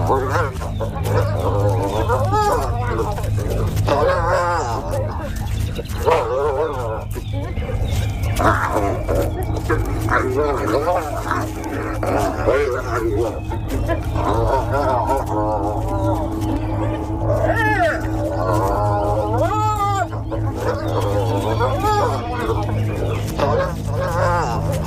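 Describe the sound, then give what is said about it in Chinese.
Spotted hyenas fighting, a clan leader and her daughter attacking each other: a loud, continuous tangle of snarls, growls and chattering cackles, broken by several rising whoops near the end, with a steady low rumble underneath. “他们开始互相攻击。”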